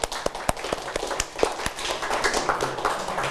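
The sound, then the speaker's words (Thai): A group of students clapping in a classroom after a group answers the teacher's question, starting with scattered sharp claps and building into a denser, steady round of applause at moderate loudness, with no talking. “ดีมากเลยครับนักเรียนปรบมือเ”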